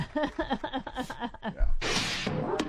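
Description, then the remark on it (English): A guillotine sound effect: a low thud, then a loud rushing scrape of the blade sliding down, ending in a sharp chop. Voiced, murmuring sounds come just before it. “By the way, don't we have a chopping sound effect? Guillotine.”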